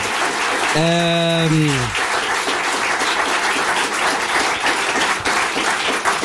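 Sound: audience applause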